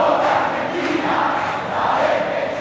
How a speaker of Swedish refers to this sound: VM-finalen bjöd på många känsloyttringar. Spansk glädje efter guldet. Argentinsk allsång.